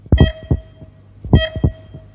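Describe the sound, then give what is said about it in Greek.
A heartbeat sound effect used as a time signal on Radio Chersonisos 97.2, marking 6:30: two clear double heartbeat thumps, lub-dub pairs about a second apart, deep, with a faint steady tone ringing over them and no talking. “Στον επόμενο χτύπο της καρδιάς σου, η ώρα θα είναι 6:30.”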